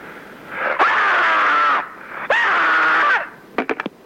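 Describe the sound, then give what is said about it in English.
A person lets out two long, loud, strained screams, each lasting about a second with a brief gap between, followed by a quick run of four sharp clicks. “Screaming is a part of my dreaming.”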